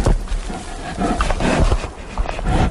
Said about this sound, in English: Not to mention the grunts of bears destroying the microphones.